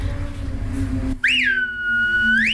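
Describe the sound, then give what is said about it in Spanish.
A single loud, piercing finger whistle starts with a sharp upward sweep, holds a steady shrill pitch for over a second, then bends upward again at the end. No one speaks. “Pero sí es verdad que, no sé por qué, aprendí a silbar así, con toda la mano en la boca, pero siempre me pareció más chulo.”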